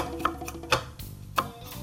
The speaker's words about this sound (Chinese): 好，那像这个里面呢，这个比较多纤维的地方，我会用刀子下去，啊，这样子切，滚着这样切，有点像削铅笔这样子的。